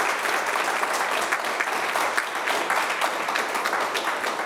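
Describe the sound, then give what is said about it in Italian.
An audience bursts into steady, sustained applause, a dense wash of many hands clapping at an even loudness throughout, with no voices standing out. “Allora, intanto le facciamo un applauso.”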